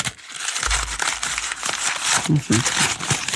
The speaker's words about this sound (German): Voilà Judith, der erste Papierball.